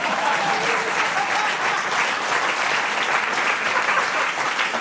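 Sustained applause from a crowd, a dense, steady wash of clapping that holds at an even, fairly loud level for several seconds with no voices standing out.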